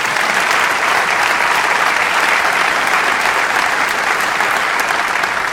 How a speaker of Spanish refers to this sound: Así que le damos un aplauso al Señor.